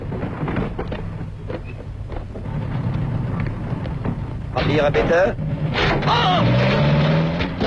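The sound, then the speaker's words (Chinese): A car engine roars loudly as the driver floors the accelerator to force through a German soldiers' checkpoint on a road around a mountain. A heavy rumble throughout that surges in the second half as the motor's pitch climbs steadily under hard acceleration. “车是加大油门硬闯过去了，可德国人的摩托车也不是光让人听个响的，他们要撵上来还不快啊。”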